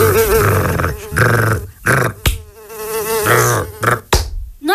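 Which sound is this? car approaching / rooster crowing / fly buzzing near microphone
fly buzzing near microphone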